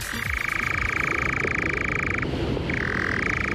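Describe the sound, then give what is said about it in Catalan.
A European nightjar churs at dusk in a long, steady, dry mechanical trill that breaks off briefly, then resumes. The call is clear over a low outdoor background hum. “És un ocell, és un ocell que es diu enganyapastors.”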